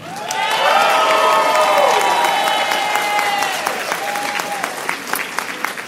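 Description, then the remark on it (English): An audience cheers loudly for the companies Q Health and Alum, with high whoops and shouts swelling over a steady wash of clapping. The voices fade after a few seconds, leaving scattered applause to continue. “Let's raise a cheer for Q Health and Alum.”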